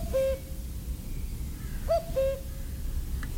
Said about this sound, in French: On a eu l'occasion d'entendre beaucoup de coucous dans ce milieu qui est quand même essentiellement forestier.